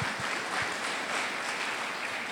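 An audience applauds for God during a church sermon, a dense crowd of clapping that stays even and sustained throughout, with no voices rising above it.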